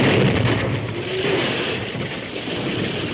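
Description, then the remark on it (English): A loud, deep blasting-powder explosion set off in a narrow creek ravine booms at the start, then rolls into a long, steady roar of rumbling noise like falling debris, with no voices. “Then, at a word from the masked man, the first explosion was set off.”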